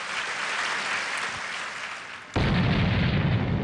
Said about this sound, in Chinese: 然而这颗原子弹的爆炸对于中国核武器的发展来说仅仅是第一步